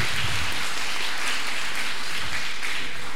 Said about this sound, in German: Sie haben sich hier bereits auf der Bühne eingefunden. Applaus!